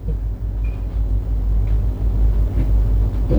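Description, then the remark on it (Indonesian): Busy road traffic rumbles steadily at the Simpang 4 Tarakan traffic-light intersection in Banjarmasin, South Kalimantan, Indonesia, on a Monday morning. A dense, continuous low drone of engines, busy but flowing in all directions, with a vehicle swelling louder near the end and no one speaking. “Dapat kita saksikan bersama situasi arus lalu lintas di traffic light Simpang 4 Tarakan Kota Banjarmasin terpantau ramai namun tetap lancar di semua arahnya.”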